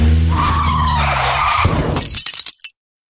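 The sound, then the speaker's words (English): A loud car skid with screeching tires and a strained engine as a driver hits a pedestrian, in a texting-while-driving warning, followed by a sharp crash and a few clattering, breaking impacts before it cuts to silence. No one speaks. “So she hit a pedestrian.”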